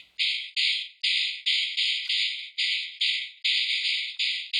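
A dried 19th-century horse jawbone rattle with a few remaining teeth, struck against the hand or the ground about eleven times in a steady rhythm. Each hit gives a bright, buzzing rattle of the loose teeth that fades before the next, with no voices.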